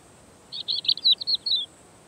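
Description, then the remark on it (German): A rapid series of high, thin bird chirps in a quick rhythmic burst lasting about a second, in Mediterranean mixed scrub vegetation, over faint low background noise, with no voices. “Aufgrund der Insektenvielfalt dieser mediterranen Mischvegetation können hier besonders viele Vögel überleben.”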